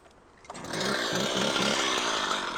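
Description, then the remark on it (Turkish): A chainsaw revs up and bites into wood, cutting off a damaged piece, its loud, steady buzzing roar holding a harsh, rasping tone throughout with no talking. “Onu kesip atacağım, sonra devam ederiz.”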